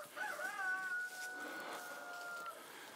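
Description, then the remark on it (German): A rooster lets out a long, drawn-out crow lasting a couple of seconds over faint outdoor background, with possible soft clucking from chickens kept in a mobile chicken coop. “Erstmal mache ich das jetzt nach Augenmaß, dass die Hühner erstmal raus können nachher.”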